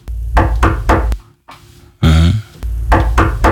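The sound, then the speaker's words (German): Firm knocking on a door in two bursts of three or four dull, evenly spaced raps, separated by a short pause and a brief groaning, creak-like sound. “Er klopft an und will rein.”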